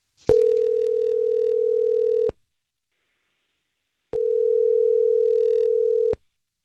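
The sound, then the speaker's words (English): Two long, steady telephone ringback tones of an outgoing call, each about two seconds, separated by a two-second pause, heard clearly with no one speaking. “Go ahead and mute your phone. I'm going to give her a call, okay?”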